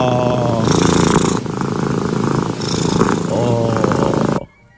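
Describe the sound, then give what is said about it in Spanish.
A cat purrs loud in a steady, rumbling drone with a rhythmic texture, continuing for several seconds before cutting off abruptly. “El ronroneo de los gatitos.”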